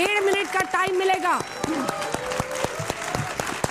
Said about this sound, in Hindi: इसके मोशन के खिलाफ बोलने के लिए प्रदीप भंडारी जी आएंगे और मोशन के पक्ष में बोलने के लिए आज डॉली शर्मा आएंगी। तालियों के साथ आप दोनों का बहुत बहुत स्वागत है।